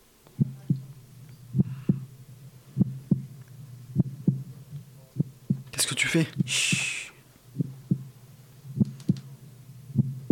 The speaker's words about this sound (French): pourquoi son cœur bat encore ?